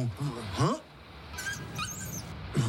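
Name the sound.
small dog whimpering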